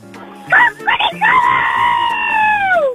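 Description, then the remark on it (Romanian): A child's voice imitates a rooster crowing to wake someone up: a few short rising yelps, then one long, high, wavering cry that holds loud for over a second before falling away at the end. “Și ultimul, vreau să îmi spui cum face un cocoș care vrea să te trezească.”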